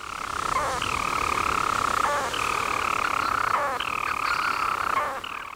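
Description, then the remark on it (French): A storm petrel's song, from a seabird weighing about 29 grams with a wingspan of up to 39 cm: a steady, buzzing purr that runs on without pause, broken every second or so by a brief hiccuping note, fairly loud and with no voices. “Voici un extrait de son chant.”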